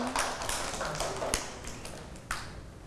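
A small group of children clapping their hands, the claps light, scattered and uneven rather than in unison, sounding a little distant and fairly quiet, with a couple of sharper claps standing out.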